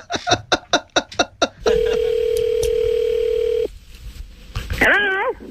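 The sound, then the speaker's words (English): About eight quick, evenly spaced dialing pulses, then a steady, low telephone tone holding for about two seconds before cutting off, followed by a short warbling, wavering tone at the end. “I think I dialed the wrong number.”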